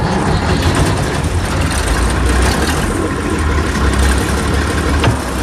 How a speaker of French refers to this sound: Quatrième étape, on allume le moteur.